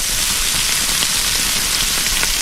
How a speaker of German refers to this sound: Ja, ist nicht lang, da brutzelt das Fleisch kurz am Grill.